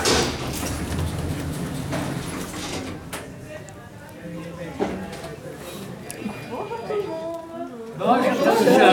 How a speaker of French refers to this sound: Fermeture des portes. Premier étage. Ouverture des portes.